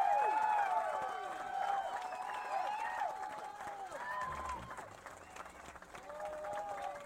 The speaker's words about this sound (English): Thank you. Applause, this room. Come on.